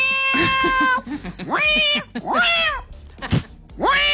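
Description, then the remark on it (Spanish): A person imitates an agitated cat, letting out four strained, wavering meows in quick succession, each rising and falling in pitch, loud, with a short noisy burst between the later calls. “Estaba re caliente el gato.”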